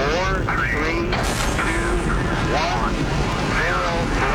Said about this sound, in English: We have a go for main engine start. We have main engine start.